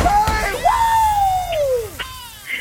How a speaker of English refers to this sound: Congratulations. Yes. You don't have to scream as much as me.